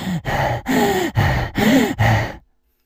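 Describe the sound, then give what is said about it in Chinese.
A man's voice imitates the exhausted heavy panting of a story character holding a crescent-moon blade: six loud, rapid, ragged breaths in a steady rhythm, strained with a throaty edge, stopping abruptly into silence. “就在二人正轮的时候，突然间呢，这梁衮这偃月刀突然触地，然后他捧着这偃月刀就开始喘气。”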